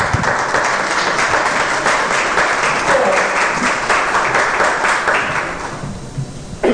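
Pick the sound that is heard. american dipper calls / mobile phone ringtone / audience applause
audience applause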